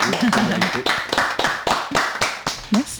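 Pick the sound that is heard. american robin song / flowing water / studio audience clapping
studio audience clapping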